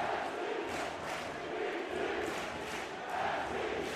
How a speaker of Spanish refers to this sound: Y el público respondiéndole a los gritos de NYC a New York City.